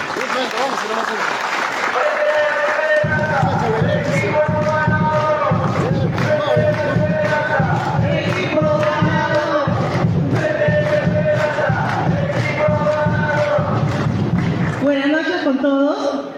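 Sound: audience applause and cheering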